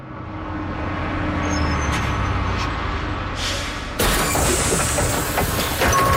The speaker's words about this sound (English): As it approaches, as inexorably as a hungry crocodile, you see the number above the windshield, 666. And as you anxiously clutch your towel and bucket hat, the bus pulls up beside you, and its doors open like leathery bat wings.